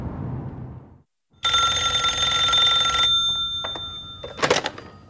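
After a low rumble fades to silence, a telephone bell rings loudly in one long, steady burst, followed by a few sharp clicks and a short rattling clatter, as a phone call is made from a gatehouse reception office at a main gate. No one speaks.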